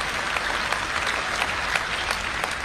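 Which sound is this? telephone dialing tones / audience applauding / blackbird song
audience applauding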